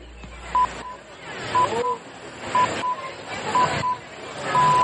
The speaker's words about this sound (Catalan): senyals horaris de les 8 de la tarda.